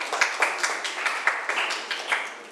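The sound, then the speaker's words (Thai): A group of students clapping their hands for a classmate in steady, overlapping applause, a fairly even patter of claps with regular accents running through the whole stretch, no voices heard. “ค่ะปรบมือให้เพื่อนหน่อย”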